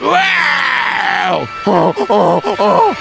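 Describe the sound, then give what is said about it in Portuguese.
A voice imitates the desperate braying of a donkey inside a deep cave: a long, strained, wavering cry followed by a rapid series of loud, rhythmic hee-haw pulses. “E a raposa do lado de fora só escutou os rugidos e os urros desesperados daquele burro.”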